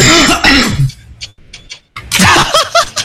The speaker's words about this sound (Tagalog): Diyos ko! Ang ubo, grabe! Lakas! Alakas! Uy, sino yung ubo?